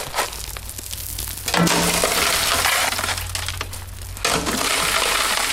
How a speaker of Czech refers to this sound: A lidé jsou rádi, když si mohou vyzkoušet právě tu práci. To znamená nasadit lopatou do tlamy, jak se říká, štěrku. Máte i haldu štěrku.